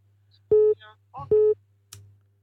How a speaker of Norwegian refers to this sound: Men det ringer, ja, vel, ja. Ja, men det ringer inn flere, så vi får se.